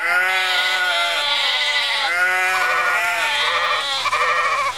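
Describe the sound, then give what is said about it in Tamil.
A milk cow and its newborn calf in a cattle shed low in a run of loud, drawn-out calls, about four in a row with short pauses between, and no talking. “ஐயோ அத்த, நம்ம கறவ மாட்டை மறந்துட்டீங்களா? அட, ஆமா, தொழுவத்தில் மாடு கண்ணு போட்டு இருக்கே.”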